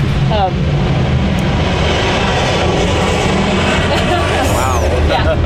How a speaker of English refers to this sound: You always have to contend with airplane noise around here. It's kind of a hazard of the trade.